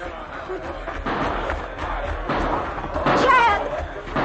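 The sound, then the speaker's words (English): Several sharp gunshot cracks coming from the jail ring out at irregular intervals over a dense, noisy wash of commotion, with murmuring voices underneath and a brief whistling tone near the end. “Those shots are coming from the jail.”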